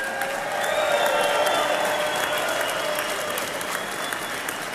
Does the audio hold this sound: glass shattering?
no